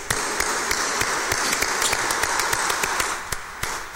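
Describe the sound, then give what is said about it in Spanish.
A crowd applauds in congratulation for birthdays, steadily and fairly loudly, dense overlapping claps filling the space with a few sharper individual claps standing out, the clapping tapering slightly near the end. “A los cumpleaños, démosle un fuerte aplauso de felicitación.”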